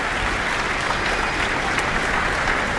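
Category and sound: crowd, concert hall audience applause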